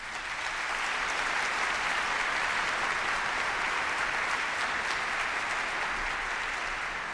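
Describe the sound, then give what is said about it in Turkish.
An orchestra concert audience applauds steadily for several seconds in thanks to the Ministry of Culture and Tourism, a dense, sustained wash of many hands clapping at a constant level from start to finish, with no voices standing out. “Ve tabii ki burada sözlerimi bitirmeden önce tüm bu imkanları bize sağlayan orkestrayı her zaman, her zaman desteklemiş olan Kültür ve Turizm Bakanlığımıza çok büyük bir teşekkürü orkestra adına buradan alkışlarınızla iletmek istiyorum.”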